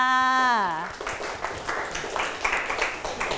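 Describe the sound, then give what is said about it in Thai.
A brief drawn-out voice with a falling pitch, then a group of schoolchildren in a classroom applaud a classmate, a steady patter of many hands clapping for a couple of seconds, moderately loud. “โอ้โหเยี่ยมมากๆครับปรบมือให้กับเพื่อนค่ะ”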